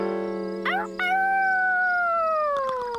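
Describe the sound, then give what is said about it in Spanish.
A female werewolf howls loud, a few warbling yelps sliding into one long, sustained cry that gently falls in pitch, over a steady low hum with no talking. “¿Esa es la... la mujer lobo?”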